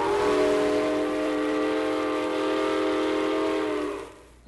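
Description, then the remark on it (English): A freight train whistle blows in one long, loud, steady blast of layered tones for about four seconds over the rumbling train, which is going 70 miles an hour through Portland, then cuts off abruptly. No one speaks. “To our surprise, however, the train went 70 miles an hour right through Portland.”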